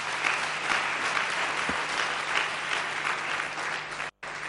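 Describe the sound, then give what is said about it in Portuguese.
Sustained applause from a crowd for a deputy (member of parliament), a dense, steady wash of clapping at an even level for about four seconds before it cuts off abruptly. “Mas esta é uma questão muito importante e eu queria pedir uma grande salva de palmas para a deputada.”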